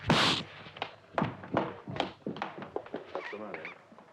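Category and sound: impact, slap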